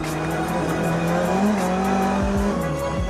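A race car engine drones loudly and steadily, its pitch wavering and dipping abruptly several times near the end as the gearbox shifts awkwardly, like the driver is struggling with the gears.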